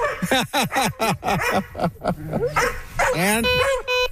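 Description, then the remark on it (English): Several dogs bark and yip excitedly, recognizing a single-joystick off-road vehicle and thinking they are going hunting, in a rapid, overlapping burst of loud, high-pitched calls, ending in a drawn-out whining howl. “The dogs recognize it. They think they're going hunting.”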